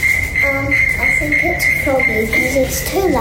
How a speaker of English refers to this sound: The debate that's happening in my house at the moment has got to do with this sound. It's a little annoying, isn't it? It's definitely high pitched. That's not a cricket noise. That's croaking.